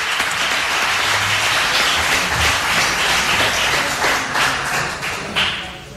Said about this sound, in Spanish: ese aplauso para recuerdo a Manolo Ramírez Calero.